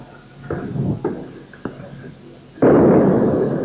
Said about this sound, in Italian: Ecco le bombe, avete sentito l'esplosione?